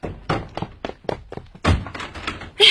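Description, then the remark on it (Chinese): Someone pounds on a door with a rapid, insistent series of heavy knocks, about a dozen dull thuds in uneven rhythm, growing louder toward the end, with no voices; a drunk man is knocking to be let in on returning home. “开门！哎，开门！”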